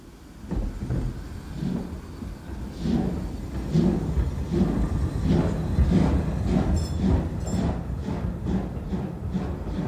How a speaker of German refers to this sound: Und nun setzte sich der Zug in Bewegung.